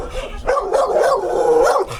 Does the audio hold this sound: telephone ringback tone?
no